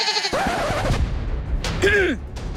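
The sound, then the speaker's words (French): Goats bleat, two wavering cries with a shaky, quavering pitch, the second louder and higher, over a faint outdoor background. “Chut! Oh, les biquettes! Vous gâchez mon effet!”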